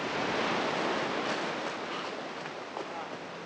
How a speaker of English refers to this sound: Coal truck cable cars pass overhead, silhouetted against the pale sky, and breaking waves wash the empty beach as the chase continues.